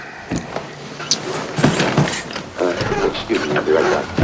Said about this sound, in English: goes to his sparsely occupied fridge and picks out a few items.